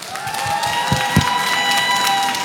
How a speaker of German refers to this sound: Es macht richtig Spaß mit euch als Publikum. Nochmal einen fetten Applaus bitte für euch.